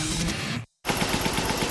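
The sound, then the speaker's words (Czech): An air compressor runs with a loud, harsh rattle, cuts out abruptly into a brief silence, then restarts with rapid, uneven clicking and clattering as it struggles. No one speaks. “Kliknul vám kompresor?”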